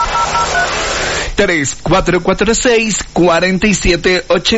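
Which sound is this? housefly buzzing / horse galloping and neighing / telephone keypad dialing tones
telephone keypad dialing tones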